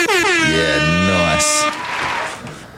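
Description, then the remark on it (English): A loud, blaring air horn sounds for over a second, its tone bending and wavering, followed by a short burst of hissing noise as the blast fades into background ambience. “Can you hit them air horns for me, please?”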